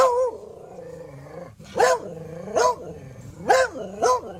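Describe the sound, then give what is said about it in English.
A pet dog growls and whines low and drawn-out, then lets out four sharp, loud barks in an uneven rhythm, with no one talking. “Oh, if you're just joining us, we have an AI translator from China that turns your pet sounds into human speech. And we put my dog's words in.”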